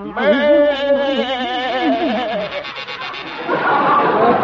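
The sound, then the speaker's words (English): A voice imitates a door buzzer with a loud, warbling buzz that wavers up and down for about two seconds, then gives way to a rougher, noisier rasp. “There goes our door buzzer.”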